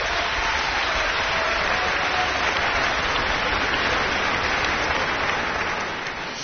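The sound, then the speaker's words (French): A sustained wash of audience applause in an auditorium for the orchestra's oldest member, a violinist, many hands clapping densely and steadily for several seconds, fairly loud, easing slightly at the very end. “notre doyen, qui peut aussi se faire applaudir ce soir au violon.”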